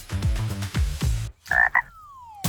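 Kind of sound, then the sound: animal, frog croaking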